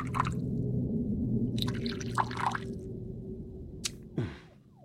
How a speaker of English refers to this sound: Please, pour away. Beluga vodka from Siberia, using spring water purified 3 times. It's what one reads.